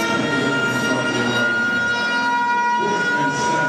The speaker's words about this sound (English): And that is one loud siren, let me tell you. They've got that thing cranked up.